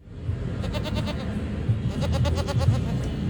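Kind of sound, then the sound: animal, goat bleating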